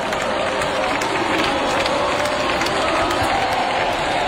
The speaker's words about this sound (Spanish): La gente aplaude.